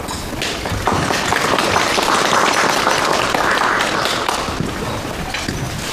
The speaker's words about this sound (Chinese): 我说完了，下面请特派员参谋长训话，大家鼓掌。